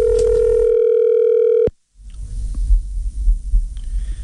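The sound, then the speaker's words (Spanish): A steady, buzzing telephone dial tone as a call is dialed again holds for under two seconds, then cuts off abruptly. A brief silence follows, then a low, rumbling background murmur with no clear speech. “Marquemos otra vez.”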